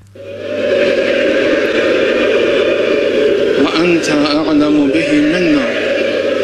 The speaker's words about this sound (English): State media showed these huge crowds, and you can hear these large groups of women. They're all dressed in black, and they're just weeping at the sight.